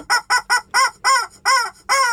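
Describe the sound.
A voice imitates a chicken clucking: seven short, bright clucks in a steady rhythm, the last few slightly longer, up close and clear with no talking around them.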